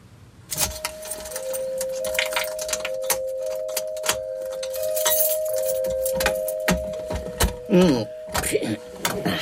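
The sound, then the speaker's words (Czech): Bright metallic jangling and clinking of keys continues for several seconds as a safe deposit box in a bank is unlocked with its key, over a steady faint tone, with a brief muffled voice near the end. “Tak, vaším klíčem už tu schránku odemknete.”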